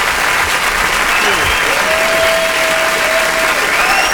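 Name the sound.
audience clapping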